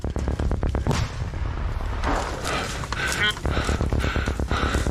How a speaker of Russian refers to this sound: Слышно, как все уже запыхались, они преодолели открытку и сразу вступили в бой. Нужна достаточно большая физическая выносливость, чтобы из пешего порядка моментально переходить в боевой и вступать в конфронтацию с противником.